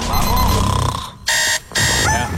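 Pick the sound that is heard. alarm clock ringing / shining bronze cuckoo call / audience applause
alarm clock ringing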